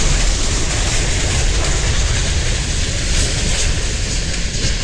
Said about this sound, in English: federal investigators will look into the cause of Tuesday's train derailment at the Horseshoe Curve in Altoona. As WPSU's Sydney Roach reports, 12 cars went off the track. The moment of the derailment was captured on a virtual railfan live stream.